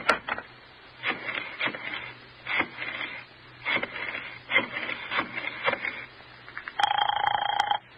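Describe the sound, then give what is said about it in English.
A telephone receiver is lifted and a number dialed to phone someone: a series of irregular clicks and clatters, then a steady, buzzing line tone near the end. No one speaks. “Phone Roger and ask him right out. Now, go on. Go on. Phone him.”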